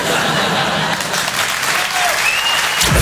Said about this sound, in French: Regarde, ma chérie, c'est la première fois qu'il y a des gens qui applaudissent devant un porno.